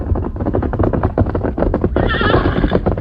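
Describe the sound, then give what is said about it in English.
A white horse named Silver, arriving alone at night, drums its hooves in a quick, steady rhythm, then a loud, quavering whinny rises over them for the last second, strong, with no voices present. “Horse.”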